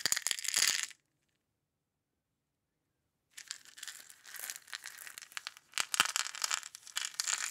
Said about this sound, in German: Mit selbstgetrocknetem Buchenlaub und marktfrischem Grünkohl. Gut. Und irgendetwas raschelt im Gebüsch. Vielleicht ein Mäuschen?